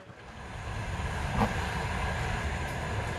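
A passenger train running from Lviv east toward the end station, Lozova, near the front lines in the Donbass, rumbles steadily along the rails, a dense low roar filling the whole clip, with a brief brighter clatter near the middle. No one speaks.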